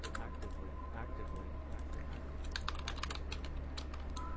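Rapid, close-up keyboard typing with clustered clicky keystrokes in bursts, over a steady low hum; no one speaks.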